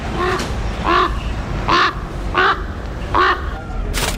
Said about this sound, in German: Da kommt ein Rabe.